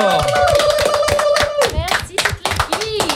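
An audience claps loudly and steadily, with dense rapid hand claps throughout. A sustained high vocal tone, like a cheer, rides over the applause for the first half before fading.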